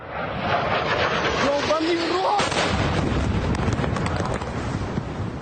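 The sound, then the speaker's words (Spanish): A heavy, sustained explosion from a drone attack by Ukraine roars loud in the city of Cheboksary, with dense rumbling and crackling noise filling the whole recording, buffeted by wind on the microphone and faint voices underneath. “Esa fue la tremenda explosión en la ciudad de Cheboksary.”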